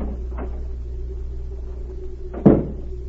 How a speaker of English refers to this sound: The next morning, a new maid tapped on the door of Berg's suite.